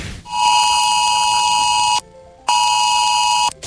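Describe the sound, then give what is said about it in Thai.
A loud, harsh electronic alert tone blares in two long bursts separated by a brief gap. It is a steady buzzing beep with many stacked overtones: a Thai disaster-prevention department phone emergency warning about continuous heavy rain and flash flooding in the southern region. No one speaks. “ป้าครับปอพ่อแจ้งเตือนแล้วก็บอกว่าฝนตกนักต่อเนื่องในพื้นที่ภาคใต้ให้เตรียมพร้อมรับมือตกกระเพยน้ำท่วมชับพลันแต่น้ำป้าไหลลาก”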